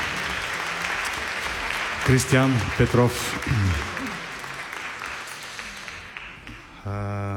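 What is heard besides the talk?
audience applause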